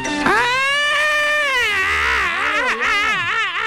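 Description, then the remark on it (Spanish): A shrill, wailing alarm-like sound imitated by a voice, held loud for several seconds, its pitch rising and wobbling up and down like a siren. “No, no era llanto, era alarma estridente.”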